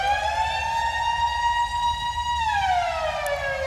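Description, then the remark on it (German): A loud civil-defense siren, taken from a 1980s sound-effects record made for DJs and like a village fire-brigade siren, wails steadily, holding a high, slightly rising tone before its pitch slowly slides downward near the end, with no voices present. “Und auf einer war so ein Sirenenalarm, wie wir den vielleicht vom Dorf, von der Feuerwehr kennen.”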